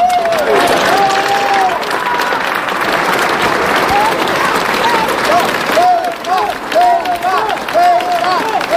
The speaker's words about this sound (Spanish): Gritos de apoyo a Ceuta, como están escuchando, también gritos criticando al gobierno en un acto que culminaba con el himno nacional